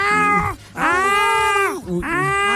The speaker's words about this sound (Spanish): O empieza literal a maullar y a rasguñar la puerta para que uno le abra.